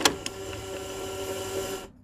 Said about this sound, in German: So, irgendwie hören wir nichts. Ich probiere es nochmal, das Tape reinzuschieben.